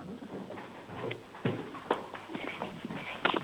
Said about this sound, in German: Du, dann lauf jetzt mal zur Tür und dann wollen wir deine Türglocke hören. Da lauft er los. Trippel, trappel.